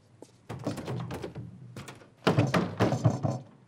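Rapid, heavy knocks pound on a door in two bursts, the second louder and more insistent than the first, with no voices over them.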